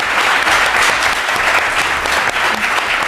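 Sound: audience applause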